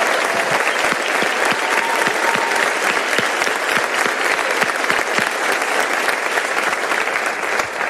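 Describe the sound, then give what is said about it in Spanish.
A crowd at a live comedy show claps steadily and loudly for the show's staff and band, a dense wash of many hands with sharp individual claps popping through, sustained without pause for the full length. “Entonces pido un fuerte aplauso para ellos, que hacen que sea posible.”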